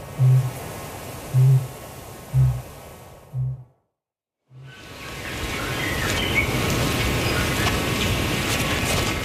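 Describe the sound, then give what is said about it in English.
A kākāpō booms from the island tops in the distance in a slow series of deep, resonant pulses about a second apart. After a brief silence, dense chittering from ruru chicks and steady night ambience fill the background. “Ruru chicks chitter away, while from the island tops in the distance, a kākāpō is booming.”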